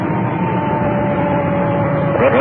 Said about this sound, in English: Well, that siren is not exactly my idea of how to spend a relaxing evening.